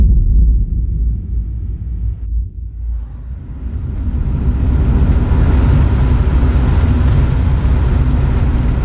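A steady, loud low rumble of a car driving toward a prison in September, building into a fuller road roar with hissing wind noise after a brief dip, heard without any voices.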